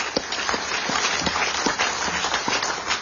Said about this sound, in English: It takes a lot of work, and let's make sure she gets a round of applause for all the great work that she does.